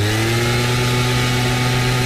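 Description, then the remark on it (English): A gas-powered leaf blower drones steadily at a constant loud level, its engine producing a buzzy low hum with stacked harmonic tones and a broad airy hiss on top, no speech. “And here's a gas-powered leaf blower.”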